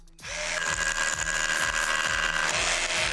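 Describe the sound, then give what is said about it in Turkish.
A Hilti hammer drill starts abruptly and runs loud for about three seconds, a steady high motor whine over a harsh grinding rattle as it bores holes into concrete for mounting a porch railing, with no talking. “Bir hilti darbeli matkap. Betona bir şey mi takmanız gerek? Bu bebek sizin için delikleri açar.”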